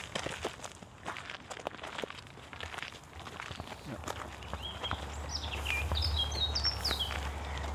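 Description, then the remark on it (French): Two birds chirp and sing in short, high, quick phrases during the second half, over a steady low hum, after a stretch of scattered footsteps and clicks. “Écoute, qu'est-ce qu'on entend? T'es quoi? Oiseau. Il y en a combien? Deux.”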